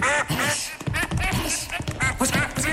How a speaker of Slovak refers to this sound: Nie takej kačky, čo by mohla byť kráľovnou. Nie takej kačky, čo by sa o kráľoviča postarala.